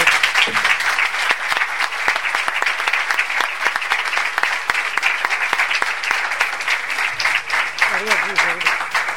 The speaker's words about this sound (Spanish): y mandar de aquí un aplauso para él y para toda la familia.